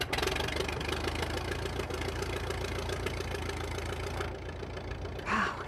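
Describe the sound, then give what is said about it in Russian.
A small aircraft engine, just started, runs at idle, a steady, throbbing rumble that holds evenly throughout, with a brief louder surge near the end. “Когда Гарри запустил двигатель”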